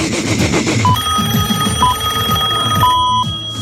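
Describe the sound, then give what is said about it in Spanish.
Ringback tones from a phone call being placed to wake someone up: three short electronic beeps, the last one longer, sounding at steady intervals over a busy background of music-like sound. “Lo voy a llamar por teléfono porque es la única manera de despertarlo a Pelemberg.”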